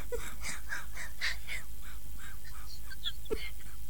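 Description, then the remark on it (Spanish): A hen clucks in a quick, steady series of short calls, fairly loud, with a couple of higher squawks near the end and no talking. “Tocaba la gallina.”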